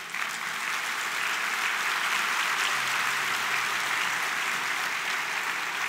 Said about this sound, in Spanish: Dele un aplauso al rey.